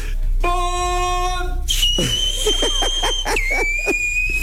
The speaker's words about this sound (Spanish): Voy a chiflar así, lo prometo, ¿eh?